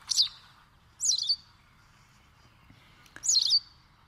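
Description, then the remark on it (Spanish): A white wagtail (Motacilla alba) sings by a river: three brief, bright twittering bursts spaced apart, each a quick cluster of high chirps, clear over a quiet, faintly murmuring background. “Canta pizpireta la lavandera blanca, también conocida como aguzanieves, pajarita de las nieves, pipita o pezpita, nombre científico, Motacilla alba.”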